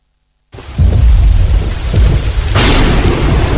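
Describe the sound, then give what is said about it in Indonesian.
Heavy rain pours steadily at night over Central Aceh, Indonesia, during four days and nights of rain, while deep thunder rumbles low, with a sharper crack of thunder breaking in partway through; no voices. “Suara hujan deras mengguyur Aceh Tengah selama 4 hari 4 malam.”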